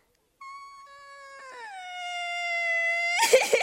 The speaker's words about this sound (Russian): Почему ребенок плачет?